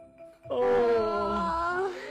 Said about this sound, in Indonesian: kok adik juga ikut menguap ya?